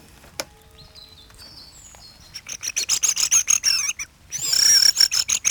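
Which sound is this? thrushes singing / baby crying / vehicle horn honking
thrushes singing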